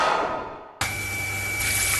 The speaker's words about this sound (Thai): นึกว่าบ้านมีน้ำตกที่ไหนได้ท่อน้ำแตกแล้วเสียงปั๊มดังกระหน่ำไม่หยุดเลย